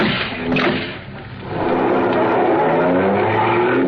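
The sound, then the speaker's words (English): A car engine roars and revs up loudly during a car chase, its pitch climbing as it accelerates, with a harsh tire screech and road noise filling the whole stretch. “Come on, step on it”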